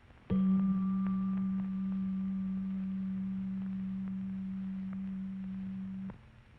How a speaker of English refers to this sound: First, we hear the sound of middle C. Next, we hear G below middle C.